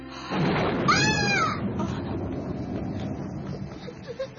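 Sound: thunder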